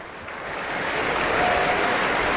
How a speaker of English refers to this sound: The audience is standing, warmly applauding and cheering Maestro Slobodeniuk and the orchestra.